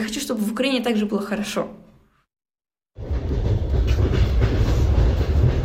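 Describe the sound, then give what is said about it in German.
A voice talks briefly, then after a second of silence a train running on rails takes over, a steady, loud rumble like riding inside a carriage, on a train travelling to Kharkiv, Ukraine. “Sie sitzt im Zug, unterwegs zu ihren Großeltern in Kharkiv.”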